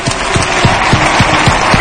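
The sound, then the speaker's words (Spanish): A crowd at a trophy celebration bursts into steady, dense applause in memory of a woman who recently died, many hands clapping together with a few rhythmic accents standing out, loud and sustained through the whole moment. “Así que un fuerte aplauso para María, que está viéndonos desde arriba.”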